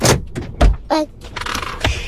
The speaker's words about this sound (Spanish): Ahí se oye el carro.